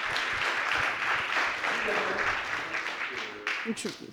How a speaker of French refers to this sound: Je vais appeler l'avocat de la défense et je vous demande de l'applaudir bien fort. Il va nous rejoindre.